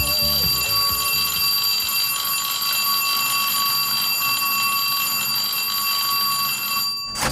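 A school bell rings loudly and continuously with a harsh, metallic clang that holds steady for several seconds before cutting off abruptly near the end. No one speaks.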